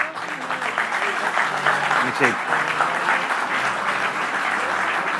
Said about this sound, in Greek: Θα μου επιτρέψετε όμως να κάνω ειδική αναφορά στον Υφυπουργό τον Νίκο τον Ταχιάο. Και θέλω ένα χειροκρότημα για τον Νίκο, παρακαλώ.